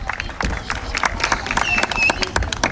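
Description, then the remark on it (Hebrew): A crowd applauds with dense, irregular clapping that fills the whole moment, steady in loudness, with a few faint whistles and murmuring voices mixed in; an audience at a Radio Kol Chai event in Be'er Sheva welcoming Rabbi Oshri Avichzer, deputy mayor of Be'er Sheva. “טוב, קהל נכבד, באר שבע, רדיו קול חי, אני רוצה להזמין לכאן את הרב אושרי אביחזר, תנו לו מחיאות כפיים, סגן ראש העיר באר שבע.”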